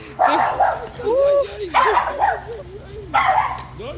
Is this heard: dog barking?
yes